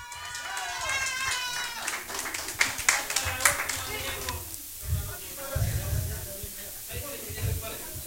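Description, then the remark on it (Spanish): A crowd claps and cheers for a guest artist, with a burst of applause and excited voices rising over it, then the clapping fades as low rumbling murmur and voices continue. “¡Aplauso, por favor!”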